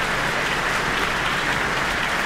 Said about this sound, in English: And we have Leanne Holmes coming to the stage to receive her very warm applause from the Auckland audience tonight.